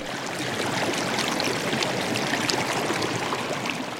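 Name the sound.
flowing creek water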